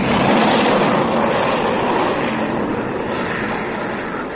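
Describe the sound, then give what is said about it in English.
A plane flies overhead with a steady, broad engine roar that holds loud throughout and eases off only slightly at the end. No voices are heard. “Sounds like a plane of some kind.”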